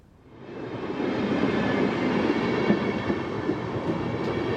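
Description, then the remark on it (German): A train travelling to Kassel rolls steadily along the rails, a dense, continuous rumble that swells in over the first half second and then holds loud, with faint rhythmic clatter in the mix. “Im Mai 2005 kündigt er seine Wohnung in Witzenhausen und fährt mit dem Zug und einem Rucksack nach Kassel.”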